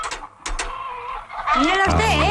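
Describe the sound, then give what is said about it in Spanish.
A hen in a scene from a Spanish film clucks in short, sharp bursts that build into loud, squawking cackles, with a faint background murmur and no clear speech. “Dame la gallina.”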